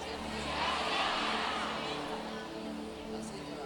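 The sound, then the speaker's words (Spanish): A large audience chatting all at once with the people beside them for 30 seconds, their overlapping voices blending into a steady, reverberant murmur that swells briefly and then settles, with no single voice standing out. “Hable con el que está a su lado 30 segundos.”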